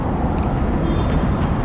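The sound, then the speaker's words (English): Steady, dense city traffic rumbling on a London street by Crossbones Graveyard near Southwark and London Bridge station, a constant low roar of passing vehicles with a faint, brief car horn briefly poking through. No one speaks. “Passerbys, car honks.”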